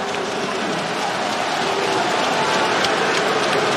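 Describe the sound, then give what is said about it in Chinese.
A crowd of fans at a Shanghai team game applauds the players steadily throughout, a dense, even wash of many hands clapping at constant loudness with no distinct voices standing out. “来了，各位，先有球先到，掌声给到我们的球员吧。”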